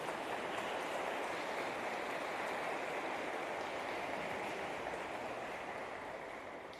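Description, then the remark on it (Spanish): An audience at a Holy Mass breaks into sustained, dense applause for a couple celebrating 56 years of marriage, steady and fairly loud for several seconds before easing slightly at the end, with no voices standing out. “Les damos un fuerte aplauso, felicidades.”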